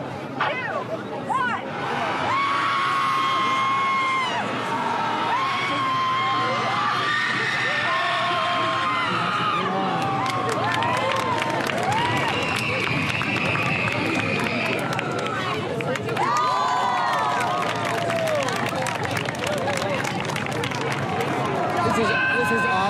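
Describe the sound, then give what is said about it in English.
A crowd of voices yelling and shrieking together at once in a group guttural scream at a screaming contest, loud and sustained, with high whoops and rising cries layered over a dense roar of many people. “Not only is there a group guttural scream, there's also a screaming contest with points for volume, duration, and style.”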